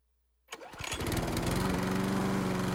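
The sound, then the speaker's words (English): A Country Clipper zero-turn mower engine starts up after a moment of silence, then settles into a loud, steady droning run with a continuous rattling buzz and no one speaking. “When it comes to mowing, why spend your weekend riding in circles?”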